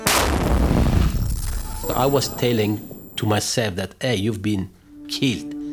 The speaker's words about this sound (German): Es gab eine Explosion. Ich dachte, ich sei tot. Ich begann mich abzutasten, ob ich noch am Leben bin.